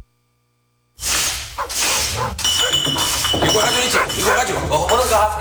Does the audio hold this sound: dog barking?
yes